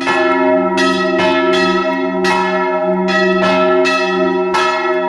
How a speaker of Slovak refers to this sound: Mali sme možnosť počuť zvony z tunajšej zvonice